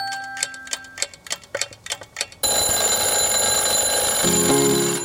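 Steady, brisk clock ticking for a couple of seconds, then an alarm clock bursts into a loud, continuous metallic ringing that holds bright and shrill until the end, with no voices.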